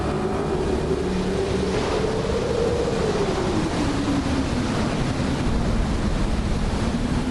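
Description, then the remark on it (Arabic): Loud, continuous roar of a stormy sea, with heavy waves churning and wind rushing steadily across the whole span as the wind and waves toss a ship about, and a low drifting drone like a ship's engine beneath it. No voices. “الرياح والأمواج تتحكمان بالسفينة كأنها ريشة طائر.”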